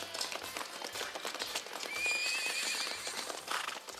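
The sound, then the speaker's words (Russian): A mare whinnies with a rising, wavering cry while hooves clop in a steady rhythm underneath, the neigh swelling loudest in the middle before the hoofbeats carry on alone. “Ну и красавица. Не лошадь, а богиня.”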